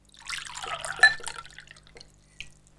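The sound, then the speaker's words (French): Water pours from a carafe into a glass in a huge kitchen of a château, in a bubbling, gurgling stream lasting about a second and a half, with a bright clink partway through, then a couple of soft drips. “J'ai soif, je trouve une carafe d'eau et je me remplis un verre.”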